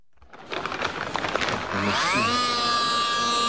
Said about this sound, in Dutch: Met zijn elektrische zaag, zo eentje van een bouwmarkt, weet je wel, maakt hij de schedel open van een overleden vrouw die op zijn tafel ligt.